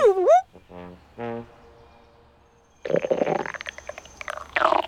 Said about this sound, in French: Mais qu'est-ce que c'est que ce bruit? Qu'est-ce que c'est que ce gargouillis? C'est le ventre de Toudou qui fait ce gargouillis. Toudou a le ventre qui gargouille parce qu'il commence à avoir faim.